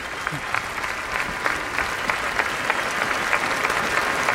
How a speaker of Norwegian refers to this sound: Det vanskelig å anslå nøyaktig hvor mange mennesker som her. Det ganske mange tusen som akkurat nå står foran slottet og gir vårt nye kongepar applaus.